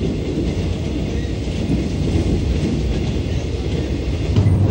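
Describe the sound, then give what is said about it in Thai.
A train rolls steadily along railway tracks through the Dong Phaya Yen forest, a loud, continuous low rumble with a faint rattling clatter, unbroken for the whole stretch, with no voices. “การก่อสร้างทางรถไฟสำเร็จไปด้วยดีหลังจากนั้นเส้นทางรถไฟสายต่างๆก็ได้สร้างผ่านป่าดงพญาเย็นเพิ่มอีกหลายสาย”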